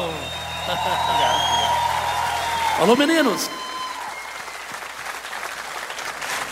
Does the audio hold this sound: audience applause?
yes